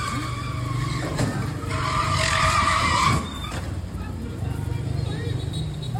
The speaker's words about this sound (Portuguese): O cara do caminhão atropelou o carro pequeno e foi embora.